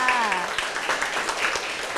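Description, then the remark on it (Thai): A classroom of people claps steadily in a dense, crackling patter throughout for a classmate who answered that a cell's function is reproduction, with a brief voice heard at the start over the applause. “ทำหน้าที่สืบพันธุ์ค่ะ ทำหน้าที่สืบพันธุ์เก่งมากค่ะปรบมือให้เพื่อนค่ะ”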